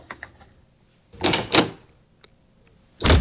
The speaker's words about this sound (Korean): 쾅 소리와 함께 방문이 닫혔다.